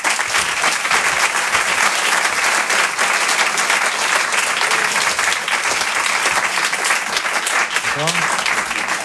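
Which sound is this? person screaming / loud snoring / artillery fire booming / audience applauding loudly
audience applauding loudly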